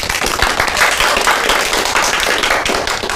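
A crowd bursts into steady, dense applause welcoming a child who is about to recite a classical poem, many hands clapping together in a continuous bright patter that stays loud for the full three seconds with no voices heard.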